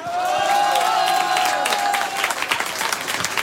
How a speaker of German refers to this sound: Vielen Dank fürs Einschalten, fürs Zuhören, und ich würde sagen, liebes Publikum, wir schicken noch einmal einen Riesenapplaus an alle Hörerinnen und Hörer von Radio U1 Tirol.